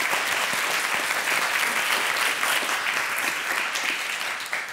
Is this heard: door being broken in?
no